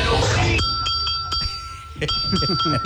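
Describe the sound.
A bright bell, the voting bell of the Knockout de Tropicana radio segment, rings several times in quick succession, each ding sharp and sustaining with a clear metallic tone, loud, with voices talking underneath toward the end.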